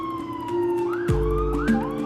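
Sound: ambulance siren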